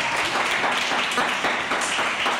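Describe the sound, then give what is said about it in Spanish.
A group of children seated on chairs clap all together in a steady, dense burst of applause that holds an even loudness throughout, with no voices standing out above it. “Un aplauso, chicos, que lo habéis hecho muy bien.”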